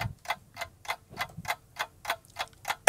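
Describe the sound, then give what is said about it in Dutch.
A quiz timer clock ticks steadily and fairly loudly, about ten evenly spaced ticks at a brisk pace, counting down the time to answer a quiz question, heard on its own with no voices. “Oh, tijd is op, jammer. Nee, wacht even. Met een nieuwe klok.”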